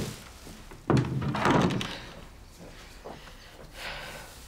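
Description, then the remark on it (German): A door shuts with one solid thunk and a short low rumble that fades within a second, followed by quiet room tone and a few faint rustles. “Und mach die Tür zu.”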